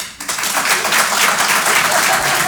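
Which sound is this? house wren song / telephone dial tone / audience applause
audience applause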